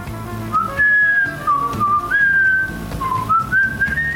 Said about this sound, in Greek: Βρε παιδιά, ποιος σφυρίζει? Αυτό προσπαθώ να βρω. Εγώ σφυρίζω λίγο. Όταν βαζέμαι.